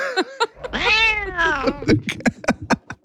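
A cat gives one long, drawn-out meow that rises and then falls, fairly loud, with a few short, sharp sounds before and after it.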